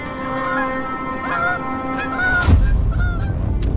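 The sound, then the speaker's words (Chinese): Bar-headed geese, parents with their goslings, honk repeatedly in nasal, overlapping calls in steadily falling snow over a steady low rumble, with a brief loud rushing burst midway before the honking continues. “给斑头雁小宝宝带来第一次生存挑战。”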